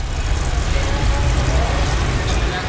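Steady city street traffic in Ljubljana, heard while cycling past traffic lights, with a constant low rumble of passing vehicles and broad road noise, fairly loud and continuous throughout, with no distinct individual events standing out.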